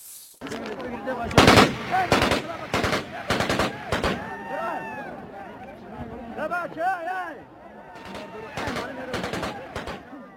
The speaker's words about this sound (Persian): در این درگیری دست کم 1 نفر زخمی شده. در ویدیویی که از محل رسیده صدای تیراندازی پیاپی شنیده می شود.